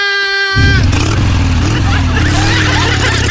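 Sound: motorcycle engine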